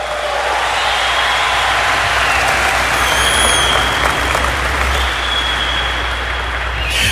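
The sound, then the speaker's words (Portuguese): Sustained audience applause, a dense wash of clapping that stays loud and steady for the full seven seconds, with no speech over it. “Pode aplaudir quem está me ouvindo.”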